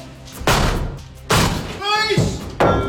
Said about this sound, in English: I'm at a property right now where officers are preparing to force an entry. Police, open the door before we force entry. Get away from the door.